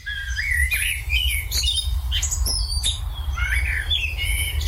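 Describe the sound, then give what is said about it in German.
A Eurasian blackbird sings a run of varied, fluting whistled phrases with brief squeaky notes, over a steady low rumble of background noise. “Die Amsel liegt daran, weil ihre Melodie abwechslungsreich ist und die Gesänge zwar hoch, aber nicht zu laut sind.”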